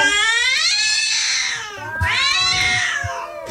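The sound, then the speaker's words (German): Two long, drawn-out kitten meows with rising and falling pitch, loud, sounding almost like singing, with no one talking; played as a 'singing kittens' hit on the Radio PSR Morning Show. “Ja, es sind die singenden Kätzchen und wir spielen ihren ersten Knallerhit hier 10 vor 9.”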